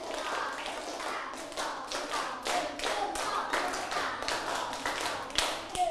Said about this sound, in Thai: มองหน้าครูกันแล้วหรือยังปรบมือ5ครั้งปรบมือ5ครั้งวางดินสอหรือยังปรบมือ1ชุด